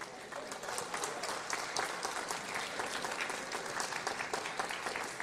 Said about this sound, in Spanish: Pueden sentarse y dar un aplauso a Jesús.